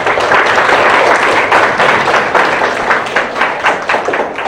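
An audience bursts into steady applause welcoming a speaker, an associate chief physician of urology at the Second Hospital of Tianjin Medical University. It is a dense crackle of many hands clapping that stays loud throughout and thins slightly toward the end, with no voices over it.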